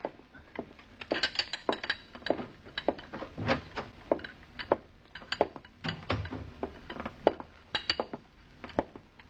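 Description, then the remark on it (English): Cups, saucers and dishes on a tea tray being carried in clink and rattle repeatedly in irregular bursts, bright sharp chinks of china and cutlery with soft knocks between, no voices present. “You carry your tray into her now.”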